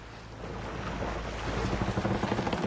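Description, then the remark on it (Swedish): Steady wind rushing over the open water of Lake Mälaren, Sweden, with waves lapping and sloshing against the hull of an old barge used as a plant for making explosives; the noise is broad and constant, and a faint rhythmic splashing grows toward the end. “Det här är Mälaren. Att tillverka sprängämnen i Stockholm är numera olagligt, så jag har flyttat ut hela anläggningen på en pråm.”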